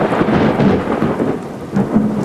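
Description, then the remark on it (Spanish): Steady, loud rain pours down in a dense hiss, with a low rumble of thunder rolling underneath throughout the short stretch. “Está lloviendo.”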